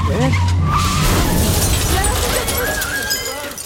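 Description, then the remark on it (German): A car skids hard with squealing tires, then crashes through the glass pane of an office with a shattering, crunching impact. The noise is loud and dense, fading slightly toward the end. “Er crasht durch die Glasscheibe eines Büro.”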